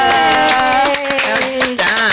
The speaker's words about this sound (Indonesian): Jadi boleh dong tepuk tangan untuk Suara Indonesia.